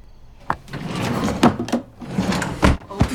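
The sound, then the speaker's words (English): A wooden top dresser drawer slides and bumps shut as a picture frame is put into it, with a few sharp knocks and a scraping glide, fairly loud, with some faint voice-like sounds mixed in. “Tree puts the picture frame in the top dresser drawer”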